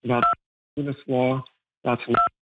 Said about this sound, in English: I think you're pressing the button on your phone while you talk, so just take care with that, please.